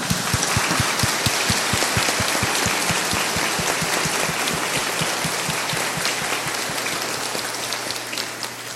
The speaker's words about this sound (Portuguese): Então, em sinal de agradecimento e rezaremos por eles, vamos acolhê-los com a salva de palmas.